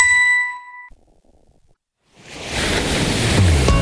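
A single bright chime rings out and fades, then after a short silence a steady, loud wash of sea waves rises and rolls on continuously, with no voices.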